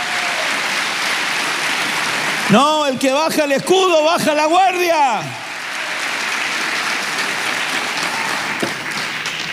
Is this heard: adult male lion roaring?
no